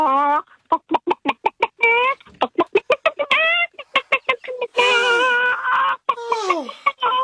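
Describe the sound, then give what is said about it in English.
A person imitates a stressed-out chicken trying to run away: a rapid run of sharp, loud clucks that rises into long, strained squawks and shrieks, sounding panicked, with no other talking. “I can do a chicken and stress.”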